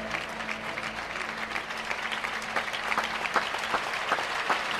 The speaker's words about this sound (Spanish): Escucha la ovación del público, señores.